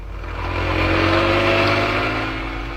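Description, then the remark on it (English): A police car's engine revs hard and loud, swelling as it careens out of the gates of Scotland Yard in London on two wheels and speeds off, the roar holding steady before easing slightly at the end. No voices. “Inspector Manson and Sergeant Wright left Scotland Yard, careening out of the gates on two wheels, and roared out of London and into Essex.”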